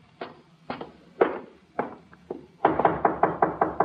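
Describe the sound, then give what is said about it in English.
Knocking on a door: five slow, spaced raps, then a louder, faster burst of about eight knocks in quick succession. No voices are heard. “Let him knock again.”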